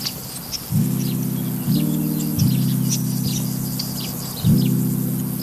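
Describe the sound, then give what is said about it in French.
Crickets and grasshoppers in tall grass chirp continuously in short, rapid high-pitched bursts, fairly faint and spread across the scene, over a louder low droning hum that swells and steps in pitch. “On entend les grillons et les criquets.”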